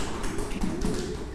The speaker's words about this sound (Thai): เก่งมากค่ะปรบมือให้ตนเองค่ะ